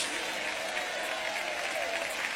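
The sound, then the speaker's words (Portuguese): An audience applauds steadily, a dense wash of many hands clapping at once with no individual claps standing out, holding an even, moderate level throughout. “Aplaude a ele então, aceita hoje a proposta de Deus.”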